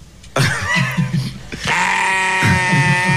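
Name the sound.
sheep bleating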